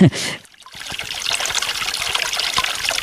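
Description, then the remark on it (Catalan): Water trickles steadily from a street fountain under a tree on a cobbled street, a continuous bright splashing babble with small irregular drips, preceded by a brief burst of sound and a short pause at the start. “Aquesta font, sota un arbre, baixem una mica per reportar al carrer i tenim un empedrat i tenim donc, aquesta bonica font on raja aigua.”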